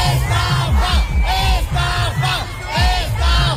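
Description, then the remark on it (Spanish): A loud crowd shouts and protests at the entrance door of a concert over disorganized entry, many voices overlapping in rising, strained yells and chant-like cries, including a chant blaming Piqué, that swell in repeated waves over a continuous roar. “El tercero tuvo lugar anoche, hoy hablaremos porque teníamos gente allí en el programa de eso, pero a las puertas parece ser que hubo una gran desorganización a tenor de los gritos y las protestas que se escucharon en la puerta.”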